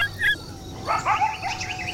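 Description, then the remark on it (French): Coyotes yip and howl in a chorus of high, piercing barks and wavering cries, a short yelp first, then several overlapping voices rising and sliding in pitch, with no one speaking. “On dirait des aboiements, mais plus aigus et perçants que ceux du chien. C'est un véritable concert, dites-donc.”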